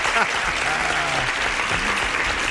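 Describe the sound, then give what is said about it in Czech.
Steady applause fills the moment, a dense patter of clapping with a voice briefly speaking over it; the host applauds a phone-in caller who guessed the answer correctly. “No hurá, počkejte, já vám musím zatleskat.”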